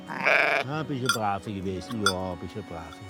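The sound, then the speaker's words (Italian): A sheep kept for its wool lets out a loud bleat at the start, followed by people talking, with a few more wavering animal calls mixed in among the voices. “Io lo vedo tanto importante e bello anche che noi ancora produciamo da queste pecore, da questa lana, i nostri prodotti.”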